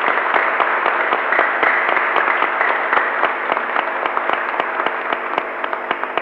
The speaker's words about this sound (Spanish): Agradecemos a los chicos, le damos un fuerte aplauso, a los catequistas, a los niños.